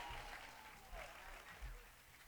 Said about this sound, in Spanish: aplauso para Cristo. Fuerte el aplauso que es para el Señor, fuerte.